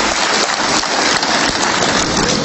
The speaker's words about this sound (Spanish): Alguien que le dé un aplauso al amor de Jesús. Vamos, dale un aplauso al amor de Jesús.